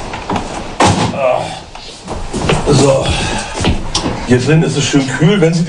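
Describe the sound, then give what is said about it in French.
A door slams shut with a single sharp, solid thud near the start at a house on the Hallig Oland in Germany, followed by people talking over a faint indoor background. “Il fait bien frais à l'intérieur si vous gardez les portes fermées.”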